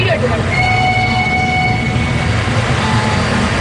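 An old-fashioned locomotive train on a mountain railway rumbles steadily and loudly as it pulls away from Kunur station, a long whistle sounding over the heavy churning for a couple of seconds before fading back into the engine noise.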